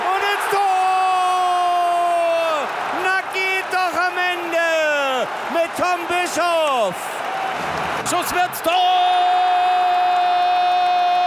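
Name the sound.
football stadium crowd cheering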